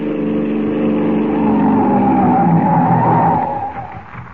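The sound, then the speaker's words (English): A police car's engine drones as it approaches a crossroads in the darkness, then tires screech loudly in a long skid as the vehicle brakes hard to a stop, the noise fading out at the end. “They crouch in the darkness as the car approaches.”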